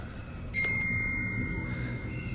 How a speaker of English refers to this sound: The giant faces them and rings the bell on a set of handlebars from a bicycle.